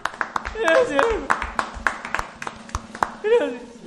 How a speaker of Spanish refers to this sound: El máximo. Un aplauso. Un aplauso.